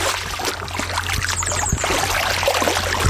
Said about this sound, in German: ich höre das doch schon wieder plätschern. Bist du immer noch im Wasser?